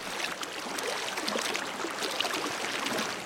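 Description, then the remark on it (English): A fast creek rushes steadily under a wooden train bridge, a continuous hissing wash of water with faint splashes and gurgles throughout, no voices present. “stands under a wooden train bridge across his rapid creek.”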